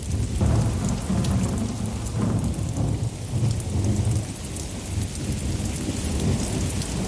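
Steady, heavy rain pours throughout a thunderstorm, with deep rolling thunder rumbling underneath. The sound is dense and continuous at a fairly loud, even level, and no one speaks.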